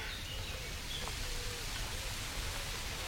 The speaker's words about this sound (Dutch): Het geluid van een stromende beek in het dorp Beek. Zwartkop op de achtergrond.